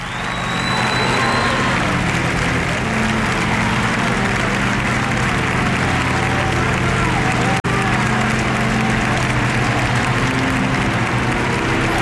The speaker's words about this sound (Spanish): Y con el gran aplauso que está dedicando ahora la Cibeles y la Ciudad de Madrid al Papa.